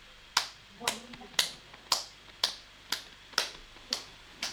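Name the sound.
group hand clapping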